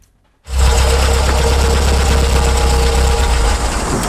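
After a brief moment of silence, a car engine starts up and runs steadily as heard from inside the cabin: a loud, constant drone with a deep low rumble and no voices.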